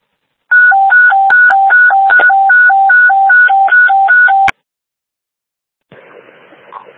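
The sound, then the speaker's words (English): Fire dispatch radio alert tones: a loud alternating two-pitch tone, high-low repeated about a dozen times over four seconds, cuts off abruptly, then faint radio static hisses after a short silence, before a fire alarm call. “Stand by for tone.”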